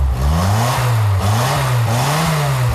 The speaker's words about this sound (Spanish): este Sinca funciona de maravilla, ¿eh? Lleva un motor Barreiros, ¿eh?